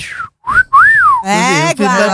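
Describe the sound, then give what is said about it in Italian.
A person gives a loud wolf-whistle as a playful catcall at someone making a bank transfer: a quick rising note and then a longer swooping rise-and-fall, immediately followed by a burst of excited speech. “Dai, fai una fischiatina a qualcuno che fa un bel bonifico e fai...”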